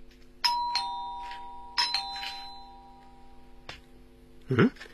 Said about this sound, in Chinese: 急不可待地踏上台阶，轻响了103室的门铃。